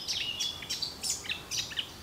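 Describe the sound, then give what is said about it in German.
Small birds chirp and twitter in quick, repeated high-pitched bursts, several calls overlapping in a soft outdoor setting with a faint background hush. “Stattdessen irgendwo vielleicht abhängen in der Natur mit ein bisschen Vöglein zwitschern.”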